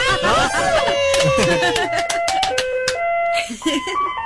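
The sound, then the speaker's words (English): An ice cream truck's jingle, turned on by the truck's mechanic for a 98.9 KISS FM morning show, plays loud, a bright electronic melody stepping through sustained notes, with excited voices and cheering over the first couple of seconds. “Well, I'm the mechanic for the ice cream truck. Can you play the song for us?”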